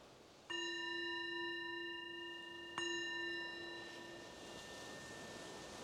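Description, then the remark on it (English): A meditation bell is struck twice, a couple of seconds apart. Each strike rings with a clear, steady tone and bright overtones, and the sound lingers and slowly fades. No one speaks. “So the bell is the invitation to bring your awareness back more to the surface and noticing whatever you may have noticed that was useful or informative.”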